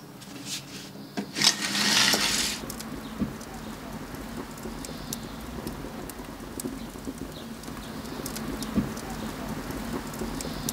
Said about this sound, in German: Für die erste Pizza braucht es ordentlich Hitze. Dafür heizt der Ofenbauer mit 12 bis 15 Kilo Holz ein. Das erste Anfeuern ist Chefsache. Immerhin muss der Ofen 450 Grad heiß werden.